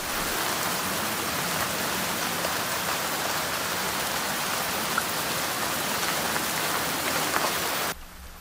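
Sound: rain falling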